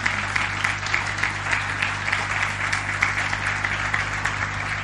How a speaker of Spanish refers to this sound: Muy bien, nos damos un buen aplauso nosotros, bienvenidos a Casita.